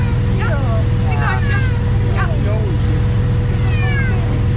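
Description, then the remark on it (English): A cat stuck on top of a utility pole meows repeatedly in drawn-out, wavering cries while a utility worker uses a bucket truck to rescue it, over a steady low engine rumble, with a voice murmuring faintly in the background. “This dude used his bucket truck to save a cat stuck up on top of a utility pole.”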